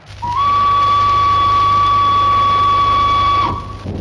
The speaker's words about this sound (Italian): Gli uditori avranno udito questo fischio acuto, gli ascoltatori udiranno uno sferagliare perentorio e forse impetuoso, un diffuso assordante rumore di macchine.